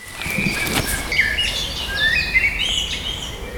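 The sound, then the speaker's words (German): Several birds sing at once outdoors in the Lindenpark during a birdsong walk, with bright overlapping chirps and warbling phrases layered over a steady low hum of traffic or wind. “Dann ging es mit der Vogelstimmenwanderung durch den Lindenpark los.”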